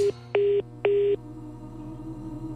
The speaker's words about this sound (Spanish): Llamada se cobrará al terminar los tonos siguientes.